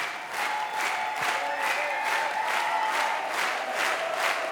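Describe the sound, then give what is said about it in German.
A concert crowd in Krems, Austria cheers and claps in a steady, insistent rhythm, calling for the band to return to the stage for an encore. The noise stays loud and sustained throughout, with whistles and shouts riding over the beat and no one speaking. “Leider, muss man sagen, die Stimmung dazu wäre gegeben. Das Publikum will noch nicht nach Hause.”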